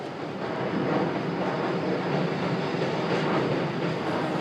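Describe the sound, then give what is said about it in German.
A train rumbles steadily over a railway bridge in the middle of the city of Fukuoka, Japan, where several lines converge and trains of all categories pass every minute, a loud, dense roar of wheels and carriages that stays constant throughout, with no voices. “Eine Brücke mitten in der Großstadt. Hier bündeln sich einige Strecken und im Minutentakt fahren Züge aller Kategorien.”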